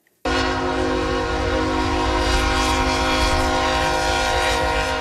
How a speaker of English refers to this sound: So that is a horn blaring because the train tracks are right there. Trains go through there.